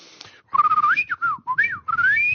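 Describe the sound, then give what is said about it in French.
A person whistles a tune imitating a bird: a series of bright, gliding notes that rise and fall, broken into short warbling phrases over about two seconds, with no talking. “Je peux siffler comme un oiseau.”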